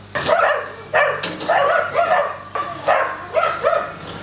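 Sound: dogs barking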